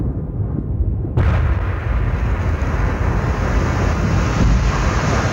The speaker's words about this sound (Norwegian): Klokken 15.25, mens han står og skravler inne på Oslo City, hører Dennis den store eksplosjonen I regjeringskvartalet bare 500 meter unna.